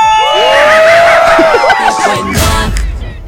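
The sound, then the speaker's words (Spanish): A loud burst of overlapping shouts and whoops, like a rowdy crowd cheering in excitement, played as a shouting sound effect on a radio station, lasting a few seconds before trailing off into noisy rumble. “Faltó el grito del correcaminos.”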